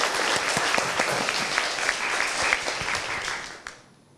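A group claps in a steady burst of applause, dense and fairly loud with many overlapping hand claps, then fades out quickly near the end with a last few scattered claps.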